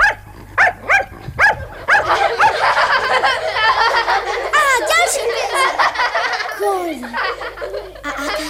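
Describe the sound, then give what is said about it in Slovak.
A trained dog gives four quick, sharp barks while performing circus tricks for children, followed by a busy stretch of excited voices and laughter that carries on to the end. “Nič nezabudol, môj učený pes. Toc, poď, predvedieme deťom cirkus.”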